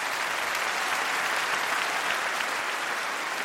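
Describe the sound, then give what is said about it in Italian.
A steady wash of audience applause, many hands clapping at once in a dense, even roar that holds at full strength throughout with no voices rising above it. “Questo applauso è il senso più bello di questa serata.”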